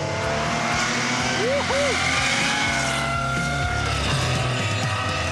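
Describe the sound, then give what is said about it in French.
A Porsche flat-six sports car engine revs loudly, its throaty note rising and falling steadily over several seconds, with faint voices murmuring underneath. “Entendu une Porsche qui faisait ce bruit là, mais c'est extraordinaire. Là, t'as vraiment réussi à sublimer le son du flat 6 quoi.”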